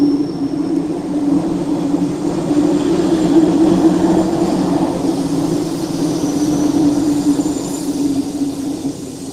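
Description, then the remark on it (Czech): A train heading to Šumava rumbles steadily along, a deep low drone with a faint hiss on top, swelling slightly midway and holding fairly loud throughout with no voices. “Velmi rád jsem tudy jezdil s tím vlakem”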